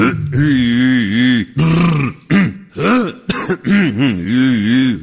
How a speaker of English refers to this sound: Before we go on the air, I clear my voice a little bit. Here's what I normally do.